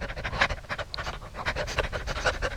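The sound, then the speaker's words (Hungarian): A dog pants steadily, quick breathy huffs repeating in a fast, even rhythm with a low rumble underneath and no talking. “Szemben egy kutya vacog. A lépek, ő is lép. Ugyanúgy liheg, mint én.”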